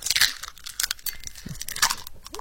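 Irregular crunching and crackling like ice cubes being broken or stirred while seafood is being prepared, with bursts of gritty noise coming in uneven clusters over a couple of seconds; no one speaks.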